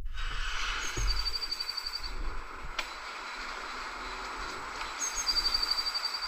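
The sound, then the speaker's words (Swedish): Birds chirp in the background in two bursts of rapid, high-pitched trills, moderately faint over a steady outdoor ambience, with no one talking. “Det känns mer som att man hör kvittret i bakgrunden.”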